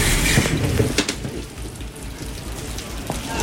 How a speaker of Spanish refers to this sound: Esto es el Alto Hospicio. Lluvia también. Intensa.